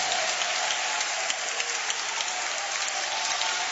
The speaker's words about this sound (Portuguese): Podeis assentar isto, e com muita alegria vamos aplaudir ao Senhor.